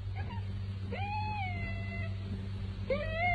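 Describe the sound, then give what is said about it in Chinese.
A military dog named Shuangshuang whines in a kennel in two drawn-out, high-pitched calls, the first sliding up then holding, the second rising sharply near the end, over a steady low hum with no one speaking. “听到军犬双双不停地哼叫声，他心里烦极了”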